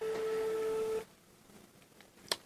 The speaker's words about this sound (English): And the phone is ringing, and we hope the birthday girl takes her call right here. Okay, birthday girl, pick up, pick up.